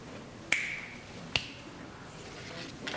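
Crisp finger snaps during a card magic trick, two clear ones about a second apart and another starting right at the end, each a sharp bright click over a quiet hiss with no talking.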